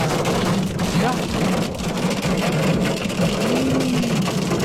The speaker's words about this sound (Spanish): Ahí está el granizo. Claramente 704. Se escucha hasta acá el tracatero. No, el traca, traca, traca.